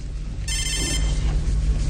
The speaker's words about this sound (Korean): 아, 전화 왔어